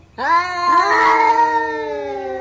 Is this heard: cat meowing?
yes